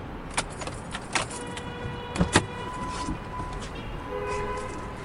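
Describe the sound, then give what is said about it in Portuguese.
Keys jangle in a few sharp metallic bursts over a low, steady car-interior rumble in a new car, with a faint whirring hum, like an electric window, running underneath; no one speaks. “Carro novo? Sim, comprei na Exclusive Motors.”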